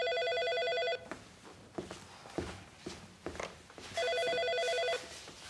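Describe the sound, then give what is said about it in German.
A telephone rings in two steady, bright electronic bursts about three seconds apart, with soft footsteps and shuffling movement in the gap between them. “Ah, das ist Julia. Du, Julia, ich mach dich mal laut, ja?”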